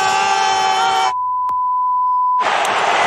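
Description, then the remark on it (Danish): A steady, mid-pitched censor bleep holds for just over a second, cutting into loud, dense broadcast sound that drops out around it and then bursts back in. “Hvem er blevet bippet?”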